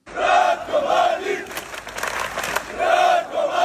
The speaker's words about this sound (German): Donnerstagabend in der ostbosnischen Stadt Zvornik im Landesteil Republika Srpska. Hunderte Menschen ziehen durch die Straßen. Sie skandieren den Namen des verurteilten Kriegsverbrechers Ratko Mladic, tragen Flaggen mit seinem Konterfei